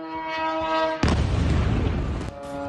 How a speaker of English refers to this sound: Several explosions have been heard in northern Iraq.